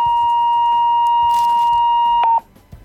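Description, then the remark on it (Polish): A kitchen scale's overload warning beep, sounding because more candies are on it than the target weight: one long, steady electronic tone sounding loudly for about two seconds, then cutting off abruptly, with faint rustling in the background and no talking. “I ten sygnał oznacza, że jest więcej niż powinno być wadze docelowej.”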